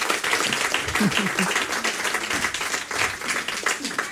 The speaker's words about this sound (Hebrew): חושבת שמגיע מחיאות כפיים על המשפט הזה, נכון?